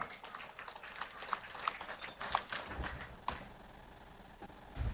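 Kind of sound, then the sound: crowd, audience applause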